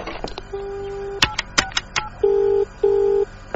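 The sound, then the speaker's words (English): A phone number is dialed for a collect call to L.A., with a few clicks and clunks followed by a steady tone and two short beeping tones, fairly clear, with no talking. “Oh, I just need to use the phone.”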